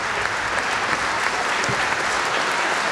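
Sustained applause from a large audience calling back the soloist at the opening concert of a symphony orchestra's season, in the Atrium hall of the Imperial Spa in Karlovy Vary; dense and steady clapping filling the hall at an even loudness throughout, with no voices standing out.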